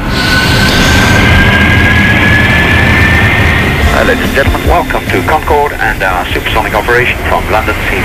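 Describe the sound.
A recording of a real Concorde flight: the jet's loud, steady engine roar with a thin whine rising slowly in pitch; after a few seconds a voice begins talking over the continuing rumble.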